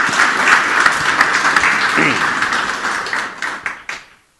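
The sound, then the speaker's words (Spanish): A crowd applauds steadily to welcome the educational institution Juan Alvarado of Otuzco, a dense wash of many hands clapping that holds for several seconds, then thins into a few scattered claps and stops abruptly. “Fuerte los aplausos.”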